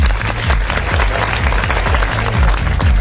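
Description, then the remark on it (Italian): Loud, steady applause for DJ Onirica on the Studio Q dance station, a dense wash of clapping over a thumping dance beat with a regular deep kick drum, and no one speaking. “Facciamo un applauso a DJ Onirica.”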